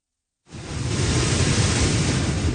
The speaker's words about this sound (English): Category 4 Hurricane Polo is battering southwestern Mexico, sending massive waves crashing into beachfront homes and dragging debris through the streets.